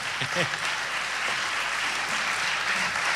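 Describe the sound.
A crowd claps steadily in dense, continuous applause that holds an even loudness throughout, with a brief voice rising above it near the start.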